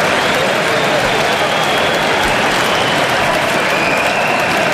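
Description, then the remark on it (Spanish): A large stadium crowd at a Switzerland national team football match applauds loudly and steadily as Embolo is substituted off the pitch, a dense, continuous wash of clapping that holds at an even level for the whole stretch, with no voice rising above it. “Pues este aplauso es para él.”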